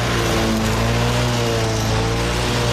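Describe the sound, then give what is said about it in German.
A lawn mower engine drones steadily and loudly, its low buzzing hum constant throughout with no voices. “Ihr hättet eigentlich am Wochenende endlich mal Zeit auszuschlafen und dann fängt der Nachbar mit Rasenmähen an oder er kechert die Terrasse oder er bohrt irgendwas in die Wand.”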